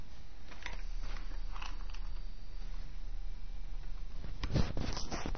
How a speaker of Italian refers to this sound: Dopodiché, con il fiammifero accendiamo la carta. Ecco, l'abbiamo messa in più punti ed ecco che la carta si sta già accendendo.